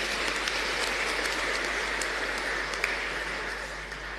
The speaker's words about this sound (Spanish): Entonces, gracias también a los hermanos. Aplauso también para ellos.